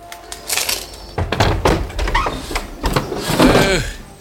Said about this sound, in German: Bob klingelte an der Tür. Kurz darauf öffnete sich über ihm ein Fenster.